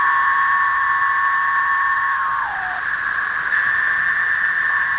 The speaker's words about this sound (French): des millions, parfois des milliards de cigales émergent presque en même temps. Imaginez l'embouteillage. Le bruit est si fort qu'il dépasse parfois 100 décibels. Faut imaginer qu'on est quelque part entre la rave partie géante et l'alarme incendie.